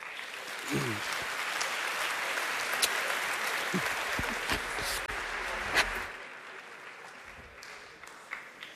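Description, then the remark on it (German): Sustained audience applause welcoming the general secretary of the Association of Evangelical Confessional Schools onto the stage, a dense steady wash of many hands clapping at an even level, with a few sharper claps and a slight drop in intensity toward the end. “Herzlich willkommen hier auf der Bühne. Einen großen Applaus.”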